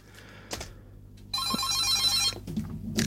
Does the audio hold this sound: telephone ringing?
yes